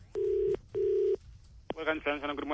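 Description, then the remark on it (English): Two steady, evenly spaced beeps of a telephone line tone sound over the line as a random person is called for a mock census survey, then a person's voice begins speaking through the phone. “I call up a random person, ask them ridiculous questions.”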